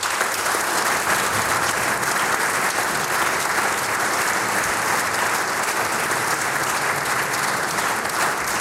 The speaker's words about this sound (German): Ich glaube, wir schicken ihm, auch wenn er dann schon wieder zu Hause ist, per Radio einen netten Gruß mittels Applaus nach Hause.